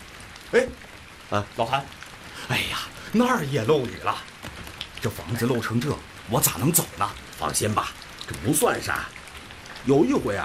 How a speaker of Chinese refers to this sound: 今日雨都下了好几天了，刚才我进门的时候就看这墙根子，你看这都泡在水里了。